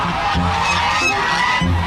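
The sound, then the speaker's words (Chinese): A large flock of geese honks loudly and without pause at a goose farm in Chenghai, Shantou, China, many harsh overlapping calls forming a dense chorus with no one speaking. “在这里遍布着近百家鹅场。”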